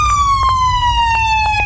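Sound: ambulance siren wailing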